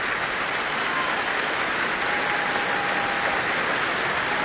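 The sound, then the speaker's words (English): Dense, steady applause from a concert audience for a soloist who has walked back onto the stage with the conductor, the orchestra standing behind her; a continuous rain-like wash of clapping with no gaps or speech, holding an even loudness throughout. “Weaving her way through the orchestra and being pushed forward to take the applause on her own by Lahav.”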